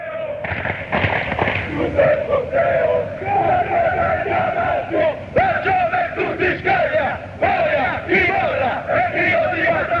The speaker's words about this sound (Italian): Ti dico che questo coro è il coro che viene fatto con gli atalantini